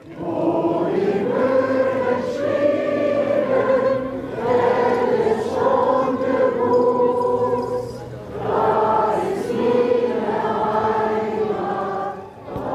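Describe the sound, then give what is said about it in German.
The Ostseewellenlied, a popular Low German homeland folk song about the sea, written by the poet Martha Müller-Grälert in 1909, sung by several voices together, with long sustained melodic lines rising and falling in steady phrases, loud and continuous with only brief pauses between verses. “Ein populäres plattdeutsches Heimatlied, welches ja hier das ganz nahe Meer besingt.”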